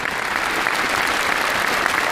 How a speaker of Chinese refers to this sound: 感谢大家伙热烈的掌声。